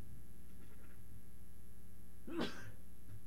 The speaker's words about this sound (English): Excuse me, I had to sneeze, couldn't do it on the microphone.